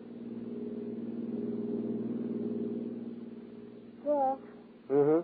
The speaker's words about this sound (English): toss your luggage into the back of her car, swing out of the city and wind your way along the lonely skyline drive high over the sea.